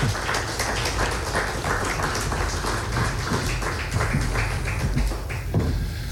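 An audience at a poetry event applauds steadily for about six seconds as the first two authors are welcomed onto the stage, a dense, even patter of many hands clapping at once with no voices over it.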